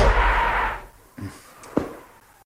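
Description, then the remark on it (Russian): After a brief rush of noise, a heavy door bangs shut with a sharp, booming thud, preceded by a smaller knock; no voices, just the solid impact fading out. “А я уж подумал, что это стреляет пушка на корабле. Все никак не привыкнешь к нашим дверям, сэр.”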